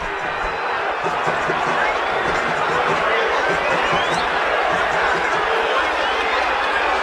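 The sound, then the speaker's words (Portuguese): A stadium crowd at Vila Belmiro in Santos, Brazil, roars steadily throughout, a dense wall of booing, shouting and protesting voices with no break in the noise, at the end of a goalless Santos versus Remo Copa do Brasil match. “Vaias, cobranças, protestos.”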